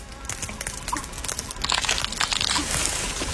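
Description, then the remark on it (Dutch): Brittle crunching as a large piece of eggshell breaks underfoot, a dense run of sharp crackles and snaps that grows louder and busier partway through, with no voices. “Dat is een flink stukje eierschaal.”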